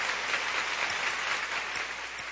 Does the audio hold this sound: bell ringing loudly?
no